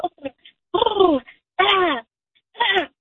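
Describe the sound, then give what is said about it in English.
A person imitates a duck call with their voice alone, without a duck calling device: three nasal, quacking bursts, each sliding downward in pitch, separated by short pauses and preceded by a few quick clipped sounds. “You can just make a duck call?”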